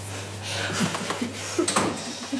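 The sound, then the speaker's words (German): A door is pushed shut during a film shoot, with a couple of soft knocks and a muffled thud over a steady low electrical hum. “Und Tür zu machen.”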